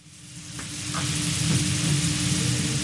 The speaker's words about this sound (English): Steak sizzles the same in South Philadelphia as it does in central Tokyo.